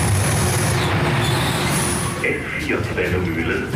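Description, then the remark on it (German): An S4 S-Bahn train of 60-year-old historic carriages rumbles steadily into a station on track 1, a loud low-frequency roar, with a faint high whine and later some brighter metallic scraping as it slows at the platform. “Schon bei der Einfahrt der S4 merke ich, dass etwas anders ist.”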